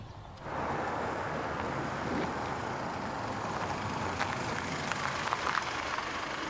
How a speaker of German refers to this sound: Jetzt kommt ein Auto.